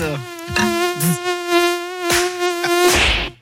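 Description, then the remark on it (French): A mosquito's thin, high whine drones steadily for a few seconds, broken by several sharp clicks and thumps, then cuts off abruptly with a brief hiss. “Comment se débarrasser efficacement des moustiques ?”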